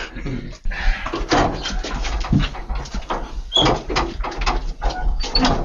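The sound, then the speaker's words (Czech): Footsteps climb a set of stairs, a series of irregular thuds and scuffs over a noisy background, with faint voices and shuffling mixed in. “Taky krásný zvuky, schody.”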